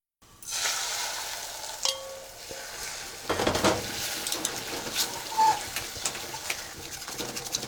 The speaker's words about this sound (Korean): 냄비에다 달걀을 조금 붓고 온도를 체크해봅시다. 소리를 잘 들어보세요. 은은하게 지글거리는 소리가 들렸는지요.